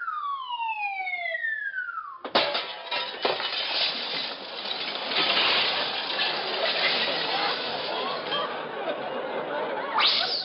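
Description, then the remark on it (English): A falling, whistling tone drops in pitch as a diver falls from a 200-foot high board onto a lake that turns out to be glass, then a loud crash of shattering glass bursts out, followed by several seconds of dense tinkling and clattering shards. “Well, what do you know? It was glass.”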